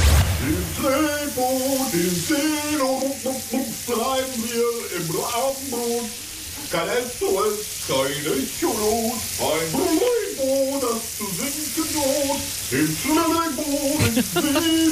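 A man sings continuously in a wavering voice while a shower's steady hiss of spraying water runs loudly underneath for the whole stretch.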